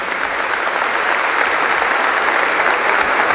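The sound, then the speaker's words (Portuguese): Sustained applause from a crowd for a 99-year-old nun, a dense, steady wash of many hands clapping at an even loudness for the whole stretch, with no voices standing out. “Uma salva de palmas.”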